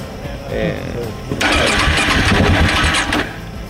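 A KTM motorcycle engine, giving trouble again despite maintenance, cranks and strains to start, a rough, rising mechanical whir from about 1.3 seconds to 3.2 seconds that never catches, after quieter low rumbling at the start.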